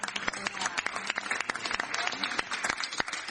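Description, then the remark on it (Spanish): A crowd applauds steadily, dense overlapping claps forming a continuous patter with a few sharper, louder claps standing out. No one speaks over it. “También un fuerte aplauso que han acompañado.”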